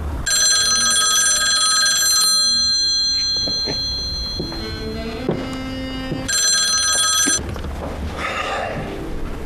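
A telephone bell rings loudly in two bursts, a long shrill trill followed after a pause by a shorter one, with some faint tonal sounds in the gap between.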